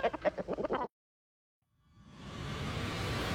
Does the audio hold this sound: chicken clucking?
yes